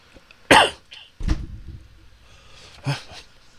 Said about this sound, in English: I gotta get over this cough before we get on the airplane next Monday.